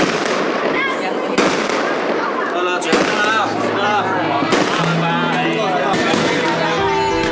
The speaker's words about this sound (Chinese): 听着不间断的鞭炮声